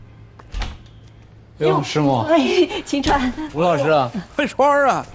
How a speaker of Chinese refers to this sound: 开门啊！ 哎，好，来了。